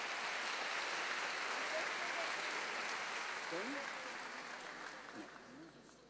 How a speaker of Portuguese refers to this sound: Vamos agradecer a Deus com um lindo aplauso.